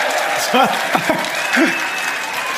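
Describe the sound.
Steady, dense applause from an audience fills the whole stretch at a fairly loud, even level, with a few short voiced calls or words rising briefly above the clapping.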